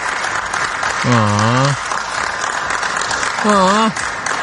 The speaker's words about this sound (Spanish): Espérate, no aplaudan, espérense.